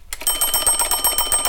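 A weight-driven farmhouse wall clock, which also strikes the hours, rings its alarm bell loudly, a rapid, continuous metallic clatter of strikes that starts abruptly and keeps going steadily with no voices.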